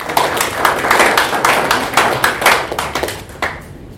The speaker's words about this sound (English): I don't want to go back because they've spoken enough and we don't have time. So we can clap for them.